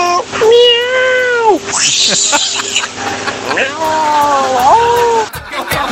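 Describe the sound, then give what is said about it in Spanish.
A cat lets out two long, drawn-out meows, loud, with a brief hissy burst of noise between them. “Ahí está el gato, pues.”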